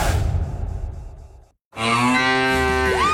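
A loud, drawn-out cow moo from a mooing Müllermilch milk bottle, rich in tone, follows a burst of rumbling noise and a short pause, then sustains to the end without any talking.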